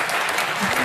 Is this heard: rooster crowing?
no